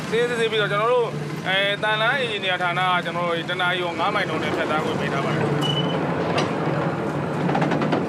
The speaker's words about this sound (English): This is perhaps one of the most terrifying trains on the planet. There is no guardrail, so only a few centimetres separate the wheels from the abyss.